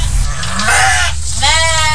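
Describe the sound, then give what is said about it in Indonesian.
Goats bleat in a simple wooden pen with a zinc roof at a home in Lempake, Samarinda: two wavering, nasal calls, one after another, over a steady low rumble of background noise. “Suara kambing terdengar dari kandang sederhana di lingkungan rumah Sukiman di kawasan Lempake, Samarinda.”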